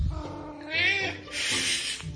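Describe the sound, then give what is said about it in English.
A house cat named Ollie, in from outside at 6 o'clock dinner time, lets out a drawn-out, wavering meow, then a second breathier, raspier call, both fairly loud with no talking. “So it's 6 o'clock, it's dinner time, and my cat Ollie has come in from outside, and now he's being noisy.”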